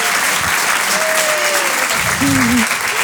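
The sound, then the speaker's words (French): Dense, steady audience applause fills the whole stretch, a loud wash of clapping with a brief voice or whistle-like tone rising over it near the end. “Applaudissez, c'est très vite, très fort.”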